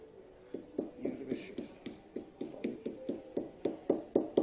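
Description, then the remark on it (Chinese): A small, light hammer taps repeatedly on paper that has been sprayed with water, giving a steady series of dull, soft knocks that gradually grow louder and quicker toward the end, with faint voices underneath. “然后就拿这个 嗯， 敲打， 敲打，我是要用一点劲吗？”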